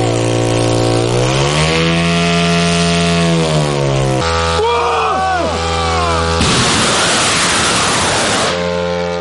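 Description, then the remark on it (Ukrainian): Small propeller engines of medium-range strike drones buzz loudly, their harmonic whine rising and shifting in pitch as they rev up, then giving way to a rougher, noisier roar as the drones launch and all take off normally. “Всі борти злетіли штатно.”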